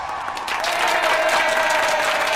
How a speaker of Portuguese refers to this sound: Palmas pra vocês, meus queridos!